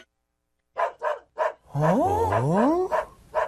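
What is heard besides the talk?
dog barking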